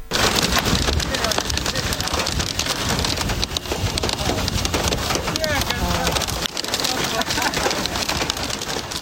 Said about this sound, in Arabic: أيضا تحديدا هذا الفيديو الذي انتشر في اليمن من حضرموت، ويظهر في هذا الفيديو جدار ضخم من الغبار يحجب الرؤية، وحبات البرد تتساقط بكثافة كما يظهر صوتها في هذا المقطع.